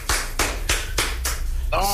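Steady rhythmic clapping, about six sharp, even claps in a row, loud and bright, before a voice starts speaking at the end.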